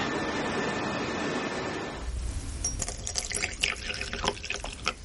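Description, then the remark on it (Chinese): Tea streams steadily into a cup for about two seconds with a hissing pour, then stops, leaving a few scattered drips and light clinks. “来，喝茶，喝茶”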